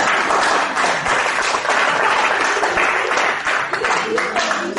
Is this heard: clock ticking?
no